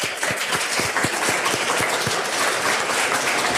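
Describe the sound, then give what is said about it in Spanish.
A crowd applauds the mayor at an event for older people in Riosa, Asturias, a dense and steady wash of many hands clapping at even loudness throughout, with no voices over it. “Un aplauso al alcalde también.”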